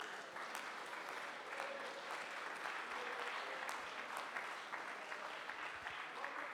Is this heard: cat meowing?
no